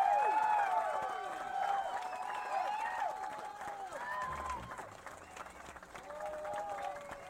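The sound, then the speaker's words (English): A crowd applauds steadily throughout, with scattered cheers and whoops rising over the clapping at a moderate level. “Applause, this really come on.”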